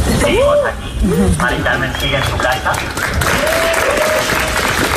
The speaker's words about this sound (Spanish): Los aplausos de la gente.